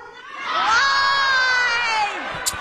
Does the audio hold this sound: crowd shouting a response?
yes